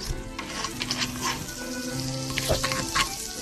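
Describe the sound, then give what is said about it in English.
Æbleskiver pancake batter sizzles in a pan with little wells as the golden-brown pancake balls are flipped over with a knitting needle, a steady crackling hiss dotted with small pops and sputters, with a faint low hum underneath and no voices. “There's some sizzling.”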